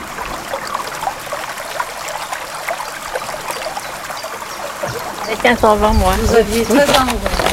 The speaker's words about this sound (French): C'était un bel après-midi, il faisait un grand soleil. Nous avions sorti une table près de la rivière et on entendait l'eau du canal qui s'y jetait, ainsi que les oiseaux.